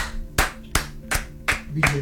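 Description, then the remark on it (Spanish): An audience claps in unison: five sharp, evenly spaced claps in a steady rhythm, with a faint murmur of voices underneath. “Gente más, aplauda.”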